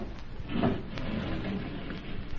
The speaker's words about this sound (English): Now, close the panel, Amira. If it were found open, it would give us away.